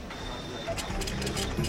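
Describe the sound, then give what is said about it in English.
A printer at the Ramstein Community Center runs in short mechanical bursts, with a thin steady whine and rhythmic scratchy pulses of the print head, moderately loud, with a voice murmuring faintly beneath. “They even do faxing, printing, and scanning.”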